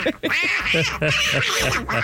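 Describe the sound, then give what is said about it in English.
A cartoon duck character's squawky, garbled quacking voice chatters loudly and continuously up close, in rapid, rising-and-falling bursts of nasal, speech-like quacks. “Donald Duck.”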